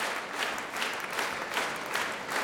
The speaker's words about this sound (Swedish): Ja, där ebbar applåderna ut